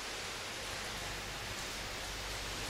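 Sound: heavy rain falling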